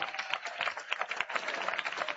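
An audience at a Pentecostal church service claps steadily to welcome a singer, a dense, irregular patter of many hands with no pauses, fairly soft overall. No voices stand out above it.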